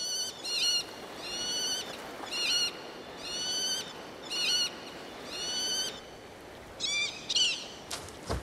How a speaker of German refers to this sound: Die schlanken Vögel sind ca. 40 cm groß. Weibchen werden meistens größer als die Männchen. Während der Brutsaison kommunizieren die Vögel über weit hörbare Rufe.